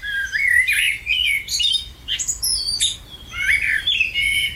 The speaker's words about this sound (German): Amsel auf Platz 1.